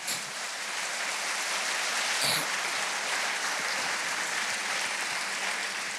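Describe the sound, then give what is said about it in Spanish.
An audience applauds together, a steady, dense wash of clapping that stays fairly even in loudness for several seconds, with no voices standing out. “Démosle un aplauso al Rey.”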